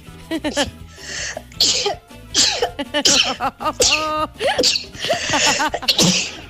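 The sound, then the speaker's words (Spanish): A series of loud sneezes from a woman whose nose got cold, several in quick succession, with bursts of breathy noise between voiced sounds and people talking around them. “¡Tremendo estornudo que te llegó!”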